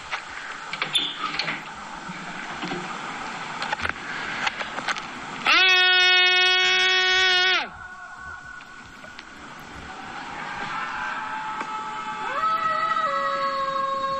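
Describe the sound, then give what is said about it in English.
Students in Lapis, Stockholm, Sweden, scream out of windows on a Tuesday night at almost 10 p.m., a Swedish tradition: a chorus of people screaming and yelling, with one loud, drawn-out scream holding a steady high pitch for about two seconds, then more wailing cries rising later. “This is what happens when one person starts screaming at night.”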